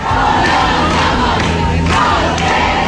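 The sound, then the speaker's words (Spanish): A large crowd of protesters camping at night at the Puerta del Sol, despite dropping temperatures, fills the air with a dense, steady roar of overlapping voices and shouts, loud and continuous throughout, with no single speaker standing out. “En efecto, la bajada de temperaturas no ha impedido que esta noche se haya juntado mucha más gente que las dos anteriores.”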